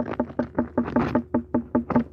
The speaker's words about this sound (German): Und so hört sich jetzt eine unreife Melone an.